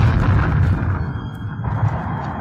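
A loud, sustained explosion rumble, deep and booming, rolling on for a couple of seconds with a heavy low-end roar that dips briefly and then swells again, as explosions destroy a gigantic secret hideout camouflaged on an island.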